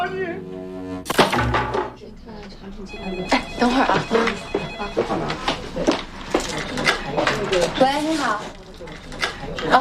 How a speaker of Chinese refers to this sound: 电话